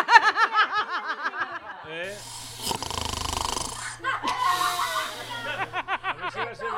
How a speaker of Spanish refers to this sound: No, oye, que el vecino del segundo ronca mucho.